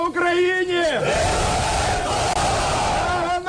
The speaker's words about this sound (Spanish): Así se ha recibido en Ucrania los 205 prisioneros de guerra entregados por Rusia en las últimas horas, una caravana de autobuses que anunciaba los abrazos y aplausos emocionados al recibirlos de nuevo en casa.